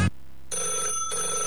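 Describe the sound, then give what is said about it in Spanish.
An old landline telephone bell rings with a bright, metallic jangle, two bursts close together after a brief low thump, fairly loud with no one talking. “Al viejo teléfono de línea ya no lo atiende nadie.”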